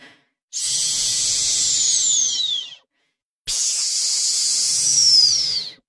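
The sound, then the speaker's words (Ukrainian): Two long, breathy hisses from snakes in a terrarium as they rise up on the tips of their tails, each lasting a couple of seconds, separated by a brief silence. They're steady, with no voices. “Усі змії, стиха засичавши, попідводились на кінчиках хвостів і вклонялися комусь, хто був за спинами у Джейн і Майкла.”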